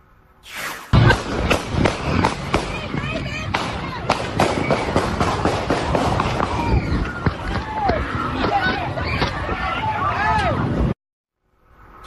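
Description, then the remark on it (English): Gunshots crack out in a rapid, irregular string of sharp bangs over a chaotic crowd, with people shouting and running in panic; the noise stays loud and dense before cutting off abruptly. “We now have video from the scene where you can hear gunshots ring out, causing people to run in every direction.”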